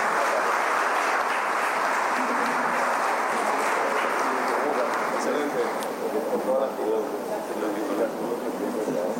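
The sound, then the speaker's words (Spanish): A large crowd in Paraguay applauds steadily for several seconds for a commission presided over by the first lady, Leticia Ocampos, a dense, sustained wash of clapping with a murmur of voices mixed in, holding at an even, fairly loud level throughout. “Así que pido un fuerte aplauso, por favor, para ellos.”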